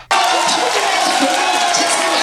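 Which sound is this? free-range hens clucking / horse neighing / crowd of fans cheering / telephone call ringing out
crowd of fans cheering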